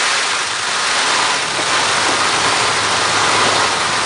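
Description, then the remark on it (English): A peacock's train-rattle buzz: a steady, loud, low droning hum overlaid with a dense, hissing rattle that holds without a break for about four seconds, with no voices. “Scientists aren't quite sure how the train rattle love buzz fits into peacock mating behavior, but for the first time, we're starting to listen in.”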